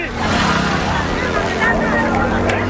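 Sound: motorbike engine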